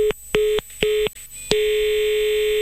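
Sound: telephone line tone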